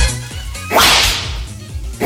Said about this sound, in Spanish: Agarra una correíta de esas de cuero para que vuela, cuero, y mételes unos latigazos. Sí, amigo. Latigazo.